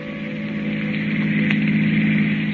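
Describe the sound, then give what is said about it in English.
A long black car's engine drones steadily as it speeds along a highway at night, a continuous low hum with a rough, buzzing texture that holds an even loudness throughout, with no voices. “The long black car with the handsome man at the wheel and the woman beside him returns to the highway and speeds on through the night.”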